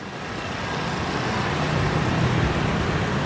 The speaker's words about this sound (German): 8.30 Uhr morgens, Rush Hour in Brüssel. Tausende strömen aus der U-Bahn in die Gebäude der EU, der Kommission, des Rats.